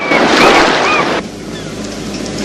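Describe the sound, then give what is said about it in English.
A loud wash of surf breaks, then drops abruptly to a softer, steady rumble of sea against the shore, with no voices. “He turns and heads towards the sea.”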